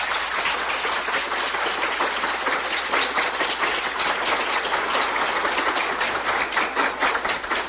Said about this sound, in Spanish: Un aplauso.